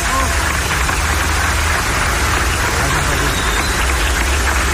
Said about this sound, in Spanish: Un aplauso a los maestros de Michoacán, fuerte.